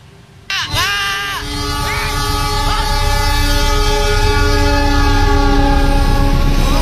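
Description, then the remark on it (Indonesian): A train horn blares suddenly and keeps sounding loudly with a wavering, sustained tone while the heavy rumble of the passing Anggrek train builds underneath, at a level crossing on Jalan Layur in Semarang, Indonesia, as an MPV car forces through the crossing barrier. “Dalam video yang beredar di media sosial ini, mobil berjenis MPV ini nekat menerobos palang pintu kereta api di Jalan Layur, Kota Semarang dan nyaris tertempel kereta api anggrek.”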